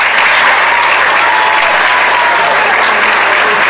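Sustained audience applause fills the room, a dense, steady wash of many hands clapping at once, loud and continuous throughout with no pauses.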